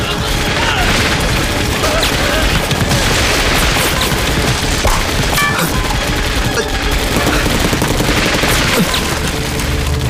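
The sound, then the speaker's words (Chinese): Loud, sustained gunfire from the warehouse opposite, with rapid overlapping bursts and scattered heavier booms, a dense crackling barrage running the whole time with some voices mixed in beneath it. “你听，对面仓库也有枪声。”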